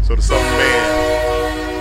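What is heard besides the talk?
train horn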